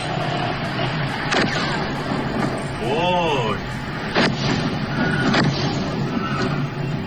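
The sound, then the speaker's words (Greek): Explosions from US forces' airstrikes at the port of Bandar Abbas, Iran: a few sharp, scattered blasts crack through a constant rumbling roar, with a brief wavering, warbling tone partway through and faint indistinct voices in the background. “γράφει στην ουσία αεροπορικές επιθέσεις στο λιμάνι του Μπαντάρ Αμπάς του Ιράν.”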